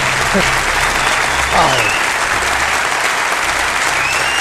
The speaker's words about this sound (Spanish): Ya solo nos queda presentaros y saludar aquí en directo a nuestro primer invitado para el que os pido un tremendo aplauso, don Jesús Callejo.